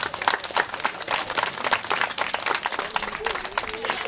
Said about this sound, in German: Neben kleinen Geschenken gab es vor allem von den Kindern viel Applaus.